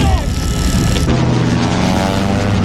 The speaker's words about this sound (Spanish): ¡Tenemos grandes bombarderos! ¡Van a volar este hangar en 1000 pedazos!